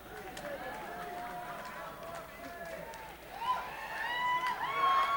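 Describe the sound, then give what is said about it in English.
At a live music performance, a lone audience member whoops and cheers from the crowd for the bass player, the shouts rising louder in the second half over a low, steady murmur of background noise. “You got a fan out there, man.”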